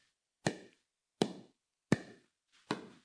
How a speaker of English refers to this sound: I have never picked up a pickleball racket, by the way, but this is the sound. It's a paddle. Paddle.